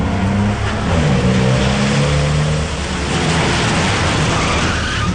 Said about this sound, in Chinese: 而跟在后面的佳美轿车一个急刹车停在了围墙的根上